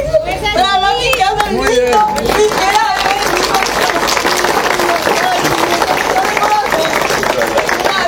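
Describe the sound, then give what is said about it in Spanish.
A crowd bursts into loud, steady applause, dense rapid clapping that carries on for several seconds, with voices calling out over the start before the clapping takes over. “Fuerte los aplausos.”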